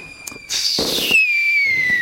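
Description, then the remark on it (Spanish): Firecrackers going off in Taiwan at a spring celebration, a dense, crackling burst with a shrill whistling tone gliding downward through it; loud, with no voices. “Acá en Taiwán mucho cohete. Mucho, como cohetillos.”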